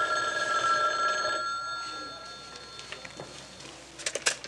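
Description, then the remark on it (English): A telephone bell rings steadily for about a second and a half with bright tonal harmonics, then cuts off, leaving quiet room tone with a few small clicks and handling sounds. “Oh, phone call”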